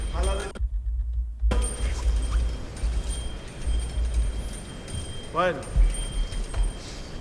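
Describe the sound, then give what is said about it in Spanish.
Church bells ring during a religious procession as a silver float is about to leave through the door of San Miguel los Vencejos. Metallic bell strikes ring out over a steady low rumble of crowd and street noise, with a ringing tone early on and another burst of clanging near the end, fading between strikes. “Vamos a guardar momentáneamente silencio para que también se escuchen estas campanas.”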